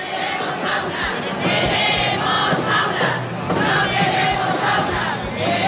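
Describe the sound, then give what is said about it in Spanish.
A large crowd at the marches for dignity in the streets of Murcia, Spain, chants and shouts together in a steady, loud roar, many voices overlapping in rhythmic bursts with occasional low thumps beneath. “Un año más, las marchas por la dignidad recorrieron las calles de Murcia.”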